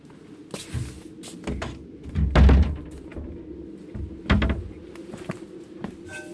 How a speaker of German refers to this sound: Die Tür stand offen. Ich habe mir erlaubt, sie zu schließen bei dieser Kälte.